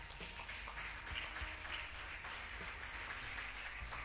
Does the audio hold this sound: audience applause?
yes